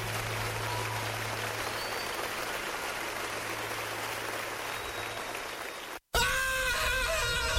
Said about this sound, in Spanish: Vecina, ¿qué le pasa a su esposo? ¿Por qué está gritando? Fíjese que le hicieron un trabajo odontológico mal hecho y ahora tiene mucho dolor en su muela.